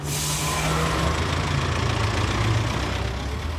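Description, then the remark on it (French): A large bus engine idles steadily, a low rumbling drone with a faint hum on top, constant for the whole stretch with no voices. “notre bon vieux bus, eh bien, il va reprendre du service puisqu'on va de nouveau rouler aux quatre coins du pays”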